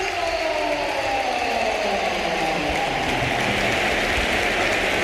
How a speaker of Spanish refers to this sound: Y vamos a escuchar una gran ovación, ¿eh? Sí, porque se va a producir el último cambio. La fila del Real Madrid solo ha hecho 3 Mourinho, pero agota las ventanas. Se marcha Bellingham, el Bernabéu de pie.